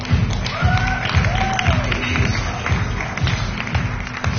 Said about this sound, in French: Merci de les applaudir.